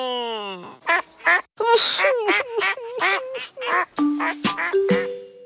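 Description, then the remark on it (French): A nasal, squawking voice, made duck-like by a badly blocked nose, babbles in a rapid string of quacks, fairly loud, ending in a few higher, stretched honks. “Il a le nez tellement bouché que ça lui fait une voix de canard.”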